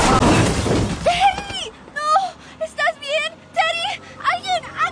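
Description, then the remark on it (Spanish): A loud, harsh crash with shattering debris bursts out at the start as a car hits a young person wearing a helmet, then fades as a voice follows with a series of short, high, wavering cries. “¿Este joven fue atropellado por un auto?”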